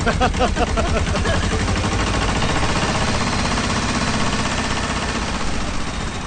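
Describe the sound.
A loud diesel tractor engine chugs steadily with a rapid, rattling rhythm as it carries a teacher along a mountain road, with a voice briefly heard over it near the start.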